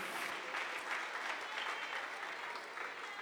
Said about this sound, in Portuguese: Quem recebe esta palavra pode aplaudir ao Senhor bem forte, bem alegre e bem feliz.